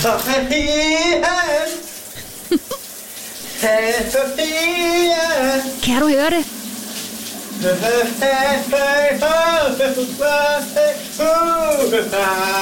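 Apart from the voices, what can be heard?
shower water running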